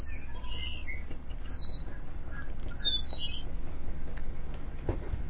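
Birds chirp and tweet in quick, scattered bursts of high, sweeping notes over a steady low rumble of background noise, with no one talking.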